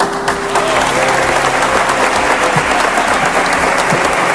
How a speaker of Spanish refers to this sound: Y situación para el recuerdo, con Pedro Martínez elevando el trofeo al cielo dentro del centro religioso y levantando también los aplausos entre los allí presentes.